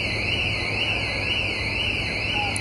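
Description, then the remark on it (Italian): An alarm on one of the scooters left parked during bomb-disposal operations wails continuously, its pitch sweeping up and down in a steady repeating cycle, fairly loud against a low background hum with no talking. “Sono saltati qualche allarme dei motorini rimasti posteggiati durante le operazioni.”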